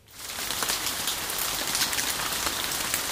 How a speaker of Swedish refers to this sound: Lovisa-borna fick gräva fram stövlarna i somras, då sammanlagt närmare 300 mm regn föll över stan. Det regnade så här mycket i Lovisa senast för över 20 år sedan.